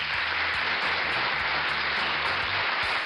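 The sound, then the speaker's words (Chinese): Steady applause from a crowd: a dense, continuous wash of clapping at even loudness for about three seconds, with a faint low hum underneath and no voices. “这个掌声是要给敦敦的啊，他很有这个自我保护的意识，对吧？”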